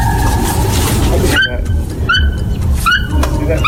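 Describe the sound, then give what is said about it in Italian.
An African marabou stork calling: after a burst of rough, noisy rumble, a series of short, squeaky, rising squeals repeats about five times over a low droning background, sounding like a squealing brake. “Eccolo qua, il verso originale del marabù africano.”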